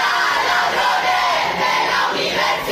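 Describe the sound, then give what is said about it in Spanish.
A large crowd of students of the Universidad Pablo de Olavide in Seville shouts protest slogans together during the universities councillor's speech at the opening of the academic year, backing the public university and demanding more funding for it; a loud, dense wall of voices that rises and falls in waves without pause. “Gritaban consignas en favor de la universidad pública y exigían una mayor financiación para el centro.”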